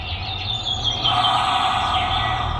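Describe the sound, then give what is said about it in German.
Faint birds chirp and tweet continuously, heard through a tinny, narrowband door intercom, with a steady low hum and hiss underneath and no one talking. “Ich höre sogar die Vögel durch die Sprechanlage.”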